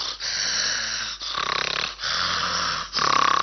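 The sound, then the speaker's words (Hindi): A voice mimics the loud, rasping snores of a man asleep in the neighbouring seat in a cinema hall, about four long rattling breaths in a steady rhythm, each separated by a brief pause, forceful. “तो मैं जहां बैठा था क्या देखता हूं क्या सुनता हूं, एक भाई साहब बिल्कुल मेरे बाजू वाली कुर्सी में बैठ के सो रहे थे। बड़े खर्राटे ले रहे थे, बड़ी जोर जोर से।”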